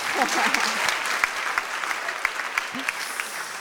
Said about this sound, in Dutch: Echt een feestje. Woehoe! Applaus!